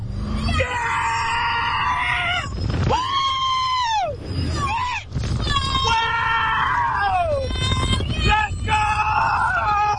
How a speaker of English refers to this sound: Nearby residents told of, quote, screams, blood-curdling screams that penetrate closed windows and doors every 30 seconds for about 10 hours straight when the park is open.